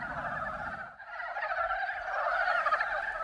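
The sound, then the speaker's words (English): A loud, dense chorus of frogs calling together at a breeding pool in the mountains during breeding season, inflating and deflating their vocal sacs; overlapping croaks and trills blend into a continuous pulsing din, with a brief dip near the start before the chorus swells again. “The frogs inflate and deflate their vocal sacs, calling out at the top of their lungs.”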